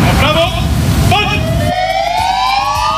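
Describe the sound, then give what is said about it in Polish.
Police car sirens wail loudly and continuously, several overlapping tones sweeping up and down together, with traffic rumble underneath that drops away partway through, as officers across the country stand outside their stations with lights and sirens on to salute a fallen police officer during his funeral. “Włączamy sygnały świetlne, dźwiękowe naszych radiowozów, stajemy w postawie zasadniczej i salutujemy, oddając cześć poległemu policjantowi.”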